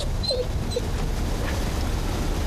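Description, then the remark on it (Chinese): A dog whimpers softly, two short high whines early on, over a steady low rumble of background noise; no one speaks. “那狗咋办呢？家里已经仨孩子了，就多条狗。”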